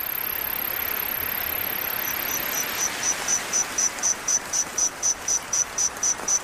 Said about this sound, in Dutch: miljoen jaar geleden heeft er een rijk en gevarieerd koor van krekels en sprinkhanen geklonken